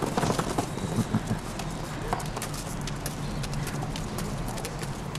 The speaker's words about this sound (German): Jetzt finden sich auch die anderen Pferde ein.